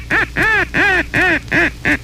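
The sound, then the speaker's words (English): A duck call blown in six quick, loud quacks, each a nasal honking burst with a short gap between, imitating a duck's surprised quacking, with no one speaking. “The surprise recognition call is very versatile.”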